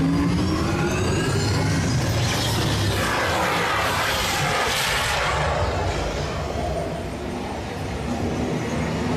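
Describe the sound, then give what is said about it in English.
A car engine revs hard and loud throughout in a simulated off-road and extreme weather test, its rough, rumbling roar surging and dipping as the vehicle drives over rough off-road ground, with no voices. “Commencing sim car off-road and extreme weather”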